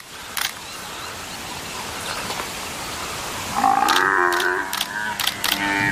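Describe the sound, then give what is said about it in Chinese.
An African buffalo calf, caught by lions trying to suffocate it, bellows in distress. The cry breaks in after a few seconds of low background noise and is loud, drawn-out and wavering, lasting to the end, with sharp clicks scattered throughout. “听着叫声，这也太惨烈了。”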